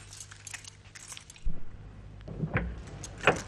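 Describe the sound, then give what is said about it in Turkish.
Keys jangle and rattle, followed by a few sharp metallic clicks of a spare key from a bag turning in the front door lock of a large white house and the latch giving way, with no talking. “Ön kapı kapalı. Ay dur dur. Çantamda yedek bir anahtar olacak.”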